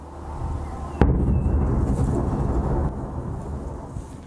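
A single loud explosion cracks out about a second in, followed by a long, heavy rumble that rolls and echoes for several seconds over low background noise. No one speaks. An explosion from a Russian drone and missile attack on Kyiv, Ukraine, during the early hours of Thursday.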